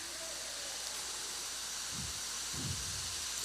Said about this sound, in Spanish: Si va a llover, que llueva. Porque así nos vamos esta noche.